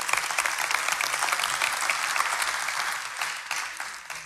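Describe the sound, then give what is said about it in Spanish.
Steady applause from a sizable crowd at a meeting fills the whole stretch, dense overlapping claps holding fairly loud and even before tapering slightly near the end, with no voices clearly standing out. “Y yo sé que aquí han venido muchas personas sin querer aplaudir, hágalo.”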